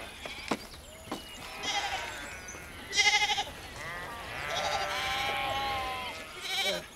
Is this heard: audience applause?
no